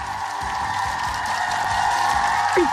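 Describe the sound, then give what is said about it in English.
A loud, dense roar of crowd cheering and applause fills the whole stretch, steady and continuous with no clear breaks, a wash of many voices and clapping hands, played on Brisbane radio station 4BC as a caller wins tickets to a Broncos game. “The crowd's gone wild”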